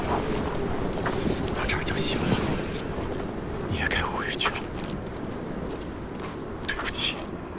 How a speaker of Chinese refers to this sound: 啊，小心，小心大风，不然会很危险的。